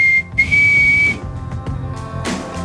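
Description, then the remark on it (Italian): A loud, shrill whistle meant to represent the Canadian national anthem holds one high, nearly steady pitch for about a second after a brief opening blip, with airy hiss around it, then gives way to low background noise. “Se questo fischio doveva rappresentare l'inno del Canada, sembrava più che altro la sigla di Heidi”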